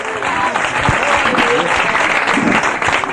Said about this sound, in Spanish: Dele fuerte ese aplauso al Señor esta tarde.